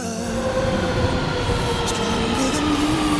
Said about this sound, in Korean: 저 열차 여기서 멈춥니다.